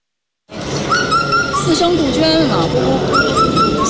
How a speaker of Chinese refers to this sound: 四声杜鹃。展区里，观众们正在听声识鸟，仔细分辨每一段啼鸣。